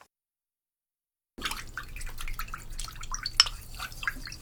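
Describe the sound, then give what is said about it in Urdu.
After a moment of silence, teriyaki sauce pours into a frying pan with uneven liquid splashes and drips that continue steadily to the end, no voices. “Sauce کو fry pan میں انڈیلیے.”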